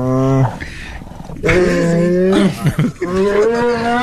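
A bear lets out low, harmonic warning growls after its marshmallow treats were taken away: a short one, then a longer, louder drawn-out rumble, followed by another sustained growl, with no talking over them.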